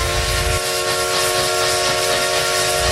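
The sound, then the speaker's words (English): A loud vintage steam train whistle, from the Essex Steam Train in Connecticut's River Valley, blows in one long sustained blast, its layered tones holding steady over a rushing hiss of steam, continuous throughout. “The Essex Steam Trade-In Riverboat for unforgettable events all year long.”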